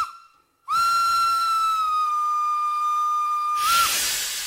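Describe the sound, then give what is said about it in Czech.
A train's steam whistle gives a short toot, then one long, steady, piercing note held for about three seconds, ending in a loud rush of hissing steam, as the train departs from a station platform. “Vlak se hnul.”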